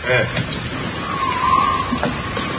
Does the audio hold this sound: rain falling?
yes